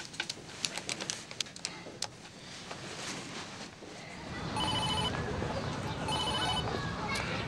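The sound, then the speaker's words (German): An outgoing call's ringback tone sounds twice in evenly spaced electronic bursts, following a stretch of clicks and taps, with a steady hiss of background noise underneath. “Ich will sie nur anrufen. Gib mir bitte das Telefon, ja?”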